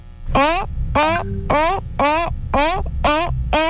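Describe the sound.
A voice imitates a seal, a 'cool seal', giving seven loud, rhythmic barking calls in close succession, each a short harmonic honk that rises and falls in pitch, with a low rumble underneath.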